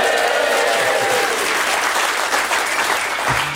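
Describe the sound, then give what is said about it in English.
An audience in the Newscast tent at Hay applauds steadily, a dense, even patter of many hands clapping at a fairly loud, constant level for a few seconds, with a faint voice briefly audible near the end. “I'm going to make you clap a lot because normally I just sit in that studio by myself.”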